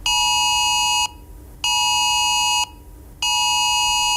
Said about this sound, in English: It was a government-issued severe alert to mobile phones to warn of very high risk of wildfires and to tell people not to take any activity which could start a fire, like using a disposable barbecue, fire pit, garden incinerator or fireworks.